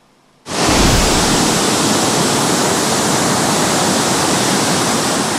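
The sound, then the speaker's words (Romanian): A loud, steady roar of rushing floodwater from a river overflowing its banks after torrential rains in Buzău County, where it destroyed a bridge, starts abruptly after a brief near-silence and continues unbroken and dense, with no voices. “Un râu care a ieșit din matcă a distrus un pod și a izolat două sate.”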